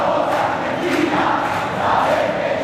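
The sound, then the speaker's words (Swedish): A big crowd of Argentine fans at the World Cup final near New York sings together in one loud, continuous chant, their massed voices blending into a steady roar with a rough melodic swell, no single voice standing out. “Argentinsk allsång.”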